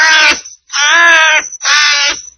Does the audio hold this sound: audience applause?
no